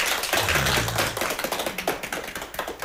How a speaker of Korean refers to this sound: 자, 우리요, 송사님 위해서요, 박수 한번 칩시다요.